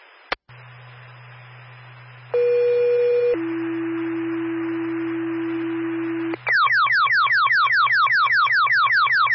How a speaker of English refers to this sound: Fire, stand by for tone.